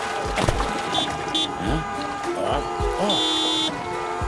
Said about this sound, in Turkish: O bilinçsiz bir sürücü yine kornaya basıyor. Trafik fena halde sıkışık sanırım.